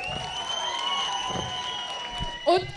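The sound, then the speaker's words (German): A concert crowd in Eisenach applauds itself in a steady, dense wash of clapping and cheering, with a sustained musical tone ringing underneath and a brief louder shout near the end. “Macht nochmal einen ganz großen Applaus für euch selbst, ihr wart übelst geil.”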